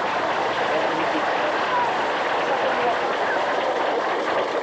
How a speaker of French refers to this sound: On va déjà applaudir un peu. Après, vous applaudissez.